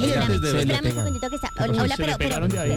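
A doorbell rings without letup as a home delivery arrives, its steady electric tone held down continuously beneath people talking loudly over it.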